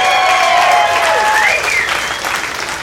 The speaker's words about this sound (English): This looks like an 80s crowd. Round of applause, you guys grew up in the 80s, ladies and gentlemen. Round of applause.